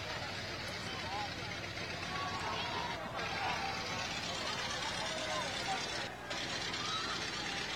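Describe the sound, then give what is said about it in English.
Car engines rumble steadily as old-time cars roll past in a parade at the Czech Days Festival, a continuous low idling drone with a bustling outdoor crowd murmuring throughout. “We have some old-time cars coming through.”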